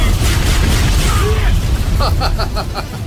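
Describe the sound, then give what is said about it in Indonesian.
A fireball attack explosion effect during a duel: a loud, continuous low rumbling roar with brief whistling tones midway, then a quick series of rhythmic crackling bursts toward the end. “Bola api!”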